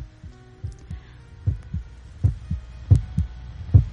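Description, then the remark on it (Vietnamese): A heavy, thumping heartbeat pounds out low, muffled beats in a steady rhythm, growing stronger toward the end over a faint hum, with no voices. “Hoàng nghe trống ngực của mình đập thình thịch như là có ai gõ trống vào đó.”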